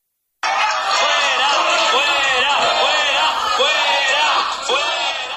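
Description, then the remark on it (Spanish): A crowd boos and jeers loudly and continuously at a town council plenary session in Vélez-Málaga, Spain, as Mayor Jesús Lupiáñez suspends the session when a motion to suspend the rubbish collection fee was to be taken up; many voices overlap in a dense wall of shouting with rising and falling cries, after a brief silent start. “El alcalde de Vélez Málaga, Jesús Lupiáñez, suspendió entre abucheos el pleno del ayuntamiento ayer en el momento en el que se iba a abordar la propuesta de Andalucía por Sí para suspender el cobro de la tasa de basura, una moción en asuntos urgentes”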